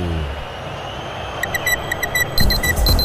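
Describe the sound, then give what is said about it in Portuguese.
A short electronic radio time-check jingle of rapid repeated beeps, marking 40 minutes of the second half of a live football match between Corinthians and Santos at the arena in Itaquera, Brazil, starting quietly and swelling into a brighter chiming burst near the end, over a steady low background hum. “Vem, relógio Brano. Da Band News FM, marca, você confere, 40 minutos, etapa final.”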